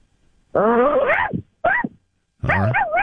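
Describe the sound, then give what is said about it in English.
A person vocally imitates a dog barking: three loud, tonal woofs, the first drawn out and wavering, a short clipped one next, then a final longer yelp with a warbling pitch. “How about a dog bark?”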